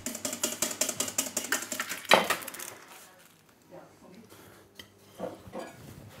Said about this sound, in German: Und schlägt und schlägt die Hollandaise.